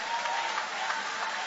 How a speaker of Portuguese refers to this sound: Levanta a sua mão, levanta a mão e glorifica o nome dele com alegria. Aplaude a ele, louve a ele.